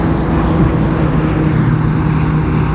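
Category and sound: vehicle, loud motorbike passing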